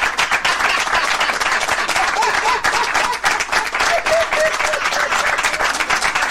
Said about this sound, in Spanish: Aplauso para los padres.